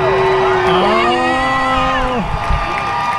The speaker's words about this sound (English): There's people cheering too, but that audience was empty.